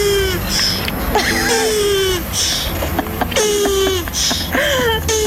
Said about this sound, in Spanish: Es una tortuga montando a otra tortuga y se está corriendo, está manteniendo sexo con la otra tortuga y ese es su orgasmo.